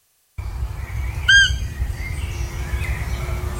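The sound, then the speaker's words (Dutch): A single short, high-pitched squeaky call from a roe deer doe rings out once over a steady low outdoor rumble, a brief whistled peep. “het vrouwtje maakt dat geluid van een piepertje, alsof ze een piepertje heeft ingeslikt. En dat heet dan fiepen.”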